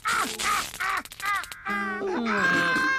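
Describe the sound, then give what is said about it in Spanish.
A crow caws harshly several times in quick bursts, followed by a longer, strained vocal cry. The sound is loud, with no clear speech. “¡Ya te tengo, cuervo!”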